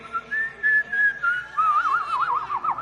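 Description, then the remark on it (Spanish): Someone whistles an imitation of a goldfinch: a steady high tone that slides gently, then breaks into quick warbling trills that rise and fall. No one speaks. “Es un jilguero.”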